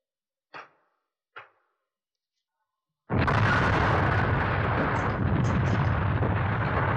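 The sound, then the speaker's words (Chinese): Two brief sharp pops, then a sudden, massive stone landmine explosion that erupts into a loud, sustained roar of rumbling blast and raining debris, fist-sized stones hurled down onto enemy soldiers, lasting several seconds. “随着这一声巨响，拳头大的石块铺天盖地地向敌人砸下去，敌人就像开水浇了蚂蚁窝”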